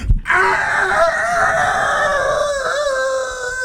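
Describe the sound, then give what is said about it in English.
A person imitates a rooster crowing with one long, loud, drawn-out call that wavers in pitch, strained and nasal, with no other talking over it. “She said somebody in the neighborhood has got themselves a rooster.”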